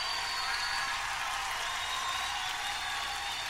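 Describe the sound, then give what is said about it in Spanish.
Sustained audience applause raised to the Lord, a dense steady wash of many hands clapping at even loudness throughout, with no voices standing out. “Levante ese aplauso al Señor.”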